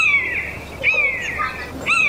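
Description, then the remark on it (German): A common buzzard circling over the small Ardennes town of Dinant gives three loud, high, mewing cries in quick succession, each a drawn-out, slightly descending squeal much like a cat's meow, with the last one cut short. “Sein Ruf klingt wie das laute Miauen einer Katze.”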